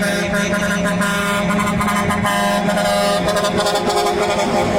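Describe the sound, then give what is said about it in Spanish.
A loud novelty musical car horn, of a type used in Mexico, blares a melodic tune of sustained, shifting tones, playing continuously with busy traffic-like noise beneath it. “Y yo creo que una de esas cosas que solamente pasa en nuestro México mágico es este tipo de claxon.”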